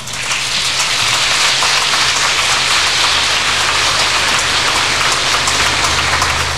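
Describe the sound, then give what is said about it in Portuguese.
A crowd at the 49th Romaria gives a strong round of applause, with dense, continuous clapping that holds an even intensity for several seconds. No one speaks over it. “Nós agradecemos a todos, portanto, e também agradecemos a Mãe Maria por mais este dom, este presente de podermos celebrar sua presença nessa 49ª Romaria, com uma forte salva de palmas.”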